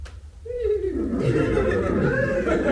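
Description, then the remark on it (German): A nervous horse whinnies, a single drawn-out call that starts high and sinks into a rough, quavering tail, over a steady low rumble of background noise. “Ach, was sind die Pferde an mich so nervös?”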